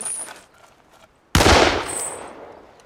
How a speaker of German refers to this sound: Sie hätten wirklich nicht schießen müssen.